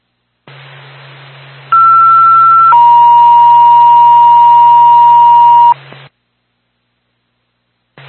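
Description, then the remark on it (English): Twin State dispatch alert tones for Bethlehem Ambulance over a hissy radio channel: a steady higher tone for about a second, then a lower steady tone holding for about three seconds before the transmission cuts off. “Stand by for tone.”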